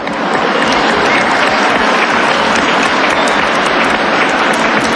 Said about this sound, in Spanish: Un aplauso, por favor, a ellos.